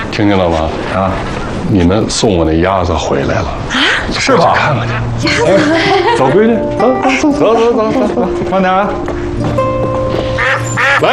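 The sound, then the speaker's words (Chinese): A flock of ducks, including Big Duck and Second Duck (大鸭, 二鸭), returning home, quacks loudly, their nasal calls overlapping in a busy, continuous chorus that never lets up for the whole stretch. “听见了吗？啊，你们送我那鸭子回来了。”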